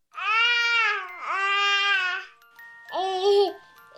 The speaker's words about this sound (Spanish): Para algunos, el sonido del balbuceo de un bebé no tiene mucho sentido. Pero esto no es cierto.